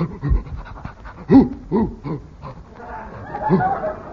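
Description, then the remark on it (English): A large dog arriving with a policeman growls and snuffles, a string of short throaty huffs and snorts followed by rougher, breathy panting noises. “A policeman and a doggy. A whooper.”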